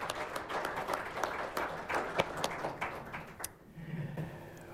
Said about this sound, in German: Herzlichen Applaus für Meta Schamal.